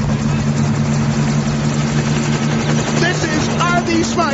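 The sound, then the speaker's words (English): A loud, steady helicopter engine drones with a constant low hum and rotor roar, while muffled voices rise over it near the end. “Get the hell off of my helicopter.”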